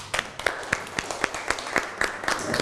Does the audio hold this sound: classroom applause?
yes